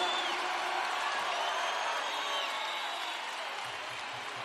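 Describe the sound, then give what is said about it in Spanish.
A large audience claps and cheers continuously for a band, a dense steady wash of applause with scattered whoops, sustained at an even level throughout with no speech. “aplauso grande para ….”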